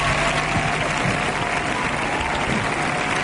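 collective applause

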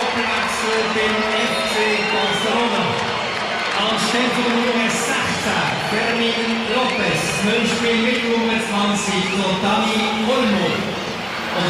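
stadium crowd ovation

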